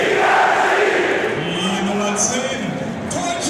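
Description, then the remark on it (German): A crowd of 18,300 spectators in the stadium in Cottbus roars in celebration after a goal putting Cottbus 2-1 ahead of Hannover, a loud, continuous wall of cheering with scattered shouts and chant-like voices rising above it, holding steady throughout. “2-1, Riesenjubel unter den 18.300 Zuschauern hier im Stadion in Cottbus.”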